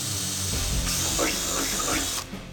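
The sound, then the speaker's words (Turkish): A steady, harsh whirring hiss of a drill boring holes in a vehicle fender for a snorkel air intake, loud and continuous for about two seconds before cutting off abruptly, with faint muffled murmurs underneath. “Şu an bütün ana deliklerimi deldim.”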